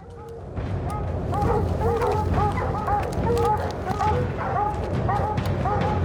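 hunting dogs barking

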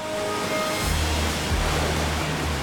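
waterfall rushing water

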